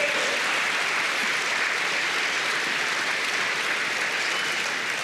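audience applauding

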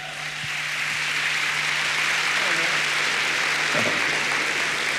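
loud applause

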